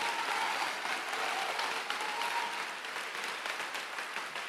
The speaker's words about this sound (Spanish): Hermana, aplaude si usted acepta este mensaje.